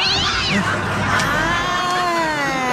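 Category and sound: animal, cat meowing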